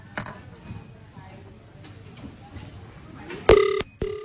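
After a few seconds of low, muffled background noise, a telephone rings on an outgoing call made after a draw: two loud electronic ring tones in quick succession near the end.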